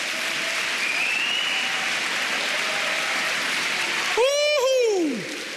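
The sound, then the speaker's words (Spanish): An audience claps hands for the Lord in a dense, steady wash of applause that holds the whole time, with a brief loud rising-and-falling voice cry breaking through near the end. “Vamos, dale palmas al Señor.”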